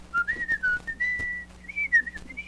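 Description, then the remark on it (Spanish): A person whistles a bouncy, melodic cartoon theme tune, the pitch gliding up and down through short phrases with brief pauses, with a faint low hum underneath. “¿Era esa? ¿O que estoy chiflando?”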